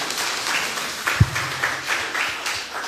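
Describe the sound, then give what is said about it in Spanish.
A burst of audience applause at a quiz game for a contestant's partner after a correct answer, many hands clapping in a dense, steady patter with one sharper thump midway, the clapping continuing at an even level throughout. “Un aplauso para su compañera.”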